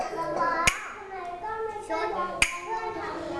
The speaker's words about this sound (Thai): เด็กๆฟังนะคุณครูจะบอกว่าโรงเรียนโรงเรียนให้ทำอะไรคะให้ปรบมือยอดเยี่ยมเลยค่ะพร้อมไหมคะฟังจังหวะคุณครูนะ